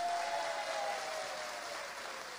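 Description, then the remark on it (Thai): A crowd at a stage show of songs-for-life music claps steadily for the Government Public Relations Department in a dense, continuous wash of applause that holds an even, fairly loud level throughout, with a faint tonal hum running underneath and no voices. “ขอบคุณมากครับแล้วก็ขอเสียงปรบมือให้กับกรมประชาสัมพันธ์ของเรานะครับ”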